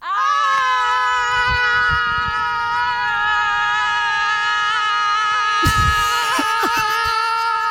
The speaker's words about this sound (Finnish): Sitten kun mä lähetän, niin toinen lähtee toiseen suuntaan, toinen toiseen suuntaan. Ja tämä huutokaanoni alkaa.